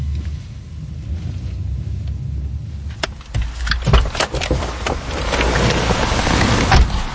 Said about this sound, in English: Miguel Angel drives us to a safe house in a rundown part of the city.